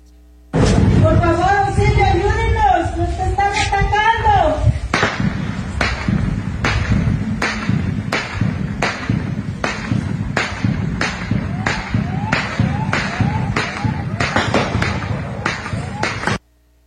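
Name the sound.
gunshots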